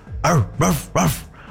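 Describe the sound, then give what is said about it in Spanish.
A person's voice imitates a dog barking: three loud, evenly spaced woofs in quick succession, with no other talk. “O sea, si alguien te dice que le ladres, me imagino que quiere escuchar tu ladrido así.”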